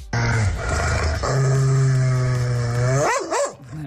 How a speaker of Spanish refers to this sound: No sé si tenéis perros, pero bueno, es lo mismo este ladrido.